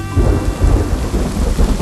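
A loud thunderstorm with steady rain hissing down while deep thunder rumbles continuously underneath, the low roll swelling and easing without a break.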